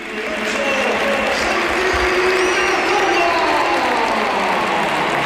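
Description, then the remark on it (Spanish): The crowd at the Santiago Bernabéu stadium gives a sustained ovation to Santi Cazorla, captain of Real Oviedo, as he comes on as a substitute, dense applause and cheering roaring steadily and loudly throughout, with no break and no clear voices standing out. “Pero por favor, que escuchen la ovación que tributa al Bernabéu a Santi Cazorla.”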